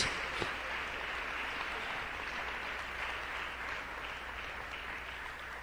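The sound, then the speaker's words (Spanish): An audience claps steadily together in applause to the Lord, a dense wash of applause at an even level for several seconds, with no voices standing out. “Démosle un fuerte aplauso al Señor en este día.”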